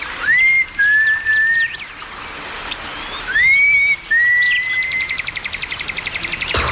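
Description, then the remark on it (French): A person whistles twice to call the mothers walking behind, each a loud, clear note that swoops up and then holds steady, with a pause between. Faint birds chirp behind, and a rapid pulsing buzz follows. “Hey, je vais siffler pour les appeler.”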